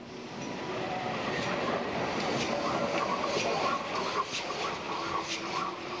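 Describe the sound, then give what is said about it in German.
Two locomotives, one numbered 58311, pull away together in double traction from the grounds of the Darmstadt-Kranichstein railway museum with a loud, steady rolling rumble, marked by repeated bursts of chuffing and clatter that stay strong throughout, with no voices. “58311 das Gelände des Eisenbahnmuseums Darmstadt-Kranichstein in einer furiosen Doppeltraktion verlassen”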